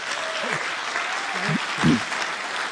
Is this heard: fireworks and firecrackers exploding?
no